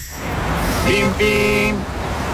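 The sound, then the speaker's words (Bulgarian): Two short car horn honks in quick succession, the second held a bit longer, over a steady background of road traffic noise, opening an advertisement for the auto parts shop auto.bim.bg. “Бим-бим! Когато колата ти се нуждае от внимание, auto.bim.bg.”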